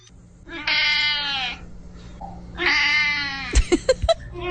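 A cat meows twice, each cry long and drawn out with a whiny, wavering pitch. A few sharp clicks or taps follow. No one speaks.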